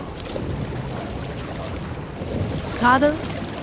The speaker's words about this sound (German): Die Mühle spricht. Musst nur genau hinhören. Mit dem Rauschen und Plätschern ihres großen Mühlrades.